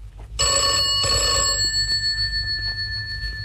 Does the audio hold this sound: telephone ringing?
yes